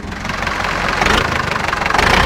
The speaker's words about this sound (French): Et là, on entend le moteur d'un tracteur Renault, puisqu'il y a des gens de la Confédération Paysanne aussi.